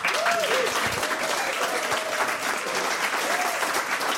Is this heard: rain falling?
no